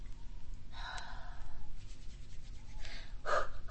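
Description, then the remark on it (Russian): Breathy puffs of air as a person blows into their hands to warm them, coming in a few soft bursts with short pauses, fairly quiet and with no talking. “Ты чё пыхтишь? Да я не пыхтю, я руки грею.”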